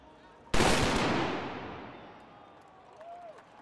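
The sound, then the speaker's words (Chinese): A single loud black powder gun shot, fired by men in traditional Bavarian costume in front of the Bavaria statue at the closing ceremony of the 191st Munich Oktoberfest, bursts out sharply, then rolls away in a long, fading rumble over a faint background murmur. “闭幕仪式现场，约60名身穿巴伐利亚传统服饰的男女站在巴伐利亚雕像的台阶上，两旁有人手持旗帜，身着传统装束的男子接连鸣响黑火药枪，以隆重的仪式宣告本届盛会结束。”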